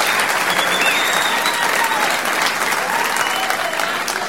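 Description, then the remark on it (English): Sustained audience applause fills the whole stretch, a dense, steady wash of many hands clapping at once, loud, with a faint cheer or whistle drifting through. “Thank you. What a nice crowd.”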